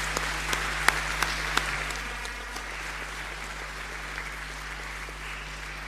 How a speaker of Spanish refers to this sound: Un aplauso más fuerte a este equipo.